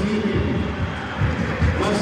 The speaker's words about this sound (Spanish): Ahí está Díaz, que queda con la jineta de capitán. Lo aplaude el público.